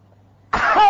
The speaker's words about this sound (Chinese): 你告诉我，兜着丹田，咔一咳嗽不？ 那没问题，没问题，大点劲，大点劲。 弹嗽一声，